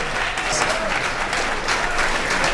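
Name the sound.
audience applause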